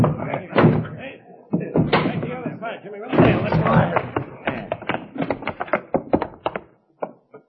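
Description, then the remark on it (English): Heavy thuds and a loud slam as a door is battered and pushed in by men forcing their way in to get a man hiding inside, followed by a flurry of clattering, scraping impacts, with voices talking over the commotion. “Push the door in.”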